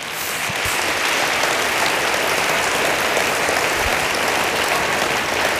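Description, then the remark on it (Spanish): An audience claps for the Lord during a church sermon, a dense, even wash of many hands sustained at a constant loud level for several seconds, with no voices standing out. “Dele palmas al Señor.”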